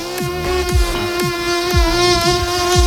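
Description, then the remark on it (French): A steady mosquito whine drones without a break, layered over a regular deep thumping beat that hits about twice a second. “Moustique, c'est l'autre sujet de l'été avec la canicule et les discussions animent les réseaux sociaux.”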